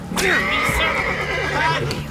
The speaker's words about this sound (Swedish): Ner i vattnet med dig. Han slår hästen. Dumma.